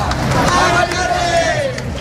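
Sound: protest march crowd chanting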